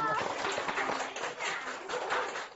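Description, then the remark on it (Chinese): An audience applauds two children after their first performance of a Sun Wukong and Tang Seng skit, a dense, steady wash of many hands clapping that holds for about two and a half seconds, with some voices mixed into the noise. “来，给个掌声。”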